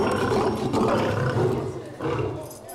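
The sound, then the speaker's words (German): A lion roars loudly as lioness Sita is let back together with male lion Gerard, a deep rumbling roar in several long surges with brief dips between them, filling the whole stretch. “Zeit, die heiße Löwin wieder mit Löwenmännchen Gerard zusammenzulassen.”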